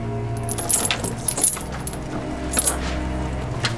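Keys jangle and clink in several bright, metallic bursts, as if someone is fumbling to unlock a door, over a low steady hum in the background.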